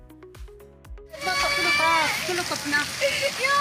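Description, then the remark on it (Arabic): Heavy rain hisses steadily on a displaced family's tent in northern Syria during an autumn rainstorm, starting abruptly after a brief tonal opening and continuing loudly, with a young girl crying as rainwater gets into the tent and other voices heard over the downpour. “فخلال المنخفض الجوي الأخير والعاصفة المطرية الخريفية التي أصابت الشمال السوري، انتشر مقطع مصور لطفلة تبكي بسبب دخول مياه الأمطار إلى خيمة عائلتها.”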